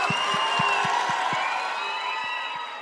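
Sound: audience applause and cheering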